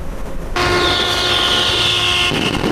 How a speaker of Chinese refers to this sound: 随着汽笛鸣响，红布拉开，海洋石油292正式命名交付。